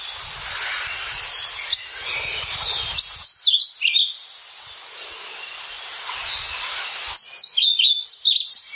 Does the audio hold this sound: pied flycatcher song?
yes